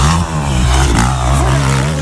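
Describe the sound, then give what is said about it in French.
A motorcycle engine revs up loud, a steady throaty rumble that rises and falls in pitch over a couple of seconds, with no voices. “honneur aux deux roues ce matin, Marie-Ève, à la moto”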